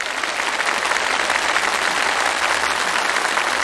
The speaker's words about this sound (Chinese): 五道题全部答对，我们掌声祝贺。